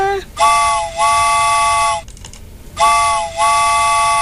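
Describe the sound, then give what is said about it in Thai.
Two long blasts of a train whistle sound effect, each a steady harmonic chord with a brief dip midway, separated by a short pause; loud, with no voices. “หมดแล้วล่ะนะรถไฟออกก่อนนะ”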